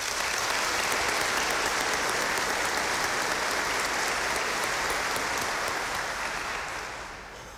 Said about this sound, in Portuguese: Uma salva de palmas para as catequistas.